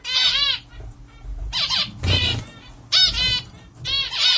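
Several bursts of zebra finch song, a small, colourful Indonesian bird with an orange beak: each burst a quick run of bright, buzzy chirps and harmonic notes, repeating in short, fairly stable phrases with brief pauses between, fairly loud with no talking.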